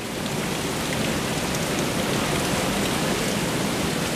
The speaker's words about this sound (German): Durchsichtige Plastikrohre führen von den Becken über die Decke aufs Sortierband. Alle paar Sekunden schießt ein Wasserstrahl einen Aal durch das Rohr bis aufs Fließband.